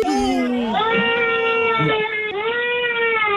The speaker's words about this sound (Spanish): ¿Por qué llora la niña?